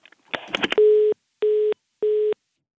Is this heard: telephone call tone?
yes